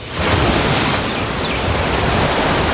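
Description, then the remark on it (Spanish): Steady ocean surf washing in with a broad, constant roar, loud, no voices, as waves break and churn at the shoreline. “¿Puede ser frente al mar?”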